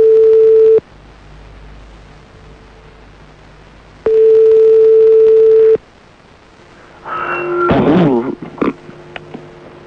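A phone line rings back with two long, steady, mid-pitched tones separated by a pause, then the call to a mobile phone connects and a burst of muffled, warbling noise follows.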